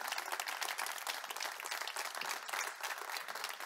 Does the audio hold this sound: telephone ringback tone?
no